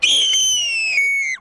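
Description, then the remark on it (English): A man who does bird calls imitates a hawk's screech: one long, piercing, high-pitched cry held for over a second, loud, then cutting off abruptly. No other sounds. “That hawk sound is him.”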